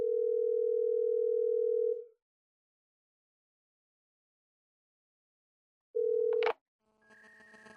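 A phone call to a father rings out over a mobile phone on speaker: a loud, steady ringback tone lasts about two seconds, then a long pause, then a second tone cut short by a click and faint crackly line noise.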